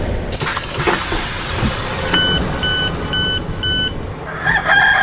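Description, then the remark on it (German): A rooster crows, played as the sound for the Bremen stop, the rooster of the Bremen Town Musicians. It sounds over a dense, noisy background, with a series of regular electronic beeps partway through; the crowing is loud, and no one speaks. “Das Krähen von einem Hahn.”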